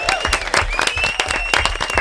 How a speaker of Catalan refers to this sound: Molt bé, un aplaudiment, no?